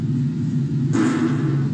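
A long, low, buzzing fart from a woman rumbles for nearly two seconds, turning noisier and more sputtering partway through. It is loud, with no talking over it.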